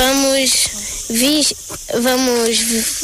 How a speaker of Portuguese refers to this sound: Só as conversas dos 10 jovens se sobrepõem ao som das cigarras.